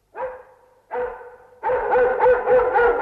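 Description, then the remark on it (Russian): A purebred dog named Kuzya barks: two separate barks with short pauses, then a longer, louder run of continuous barking and growling. No one speaks. “А, так вас облаяли.”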